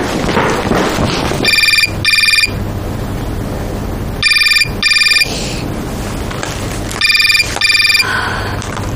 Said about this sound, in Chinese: 老大怎么不接电话呢？